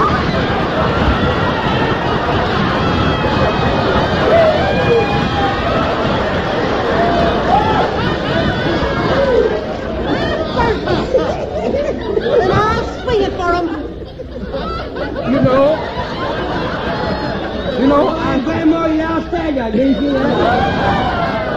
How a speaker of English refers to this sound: there's a crowd gathering.